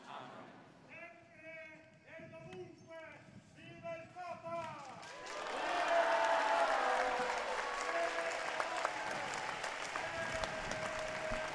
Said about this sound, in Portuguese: Vocês, portanto, saúdam o Papa Leão XIV com um aplauso